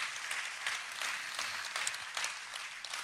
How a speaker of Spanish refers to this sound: Un aplauso también para ellos.